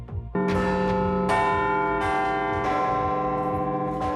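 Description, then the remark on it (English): Big Ben, the clock tower bell in London, strikes repeatedly in a deep, steady rhythm, each loud metallic chime layering rich, ringing overtones that hang and overlap without fading, with no voices present. “Now the hunt is on for an apprentice clockmaker to keep Big Ben ticking.”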